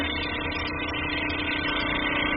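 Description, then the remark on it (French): A bead mill tissue lyser runs, rapidly shaking tissue with small beads inside to break it apart, with a steady, even mechanical drone, a dense buzzing hum that holds constant in loudness for the whole stretch, with no one talking. “Ça vibre très fort là.”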